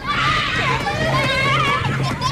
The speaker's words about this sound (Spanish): Ahora están escuchando el mismo parque en verano, lleno de niños gritando y tocando los huevos.